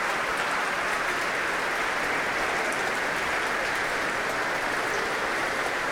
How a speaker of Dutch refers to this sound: Een applaus van hem voor het Concertgebouworkest. Hij laat het orkest weer opstaan om dit zeer enthousiaste applaus in ontvangst te nemen.